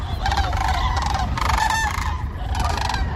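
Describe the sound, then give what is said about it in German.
Loud, overlapping trumpeting calls of common cranes in flight while migrating over Germany, repeated bursts of honking cries over a steady low rumble of wind or background noise. “Ja, man hört sie erst und dann sucht man hektisch den Himmel ab. Nach den riesigen Vogelfaust. Kraniche, Leute, die sind gerade wieder unterwegs.”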